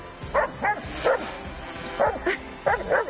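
A dog barks repeatedly in short bursts, about six or seven sharp barks spaced in pairs and clusters, loud, with no talking.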